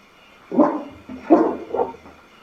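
A dog barks three times, one bark, a short pause, then two more in quick succession, over a faint low background hum with no one talking.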